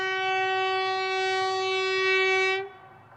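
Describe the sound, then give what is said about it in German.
A Trans-Mongolian Railway train's horn blares in one long, steady, harmonically rich tone for about two and a half seconds, then cuts off abruptly over a low rumble of the train running on the tracks as it winds on toward the Chinese border. “Die transmongolische Eisenbahn schlängelt sich weiter in Richtung chinesische Grenze.”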